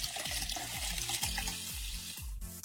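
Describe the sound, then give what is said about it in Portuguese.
Water pours steadily from a clay filter into a small aluminum cup beneath it, with a continuous splashing stream and repeated gurgling, glugging pulses. Fairly loud, with no voices. “Filtro de barro com aquela canequinha de lata assim embaixo, de alumínio.”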